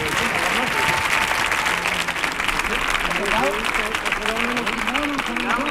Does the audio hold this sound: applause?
yes